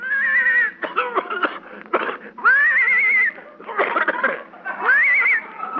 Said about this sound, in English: I think the horse is hoarse.